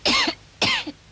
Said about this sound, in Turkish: Öksür.